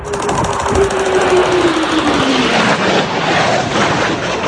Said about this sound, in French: À l'image de cette vidéo de 14 secondes prétendument filmée dans le ciel de Minembwe, une localité située dans la province du Sud Kivu, on pense y voir deux avions de chasse voler à très basse altitude.